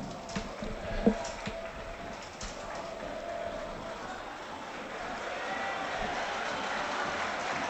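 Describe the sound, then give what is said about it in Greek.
A stadium crowd of Panathinaikos fans applauds player Taborda as he goes to the corner to warm up, in a dense, continuous roar of clapping and cheering that holds steady and swells slightly louder in the second half. “Ζεστό χειροκρότημα τώρα για τον Ταμπόρδα, αποθέωση.”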